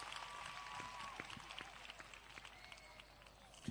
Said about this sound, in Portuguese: Uma salva de palmas para vocês.